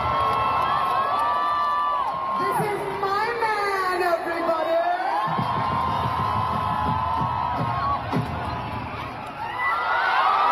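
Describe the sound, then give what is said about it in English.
A large concert crowd in Delhi roars with sustained, deafening cheers and high-pitched screams as the singer on stage holds up her engagement ring, a dense wall of voices that stays loud throughout, with whoops rising and falling over the din. “held up her engagement ring as the crowd erupted into deafening cheers.”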